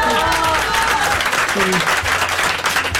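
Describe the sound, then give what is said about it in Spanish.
An audience breaks into sustained applause, dense steady clapping that fills the whole stretch at a loud, even level, with some voices and crowd noise mixed underneath. “Un aplauso, un aplauso.”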